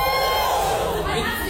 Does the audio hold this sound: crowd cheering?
yes